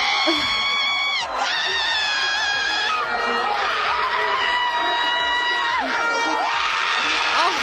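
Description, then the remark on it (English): A female World Cup football fan yells loudly and almost nonstop after a goal is called back, shrill, strained shouts rising and breaking over several seconds, with a noisy crowd-like din filling the background throughout. “That was when they called back a goal. I mean, it's just a lot of yelling.”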